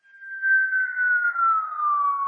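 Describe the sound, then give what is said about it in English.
Helicopter infrasound sped up into audible range: a single high, whistling tone that glides slowly downward in pitch, holding steady with a gentle pulsing swell in loudness and no voices. “This is the sound you collected from a helicopter.”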